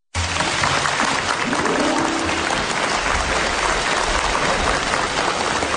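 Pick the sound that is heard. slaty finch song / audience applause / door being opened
audience applause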